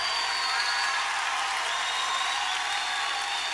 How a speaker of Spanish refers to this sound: Levante ese aplauso al Señor.